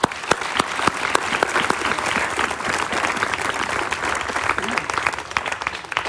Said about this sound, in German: Also, noch einmal ein Applaus an die Musik.